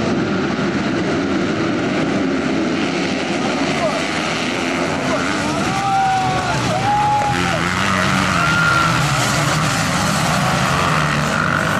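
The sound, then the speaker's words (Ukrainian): Loud, continuous roar of motocross motorcycle engines racing on a supercross track, with revving whines that rise and fall in pitch as the bikes accelerate past at high speed, over a steady blur of background noise. “Адже складні маневри на шаленій швидкості – це не лише джерело адреналіну, але й великі ризики для спортсменів. Під час заїзду один із учасників впав з мотоцикла.”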